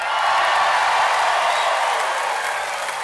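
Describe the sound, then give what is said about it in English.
A live audience at a show being recorded for a double live album cheers and applauds continuously, a dense, steady wash of clapping and shouting that stays loud for about three seconds with no one speaking over it. “Yep, thought that'd get you cheering.”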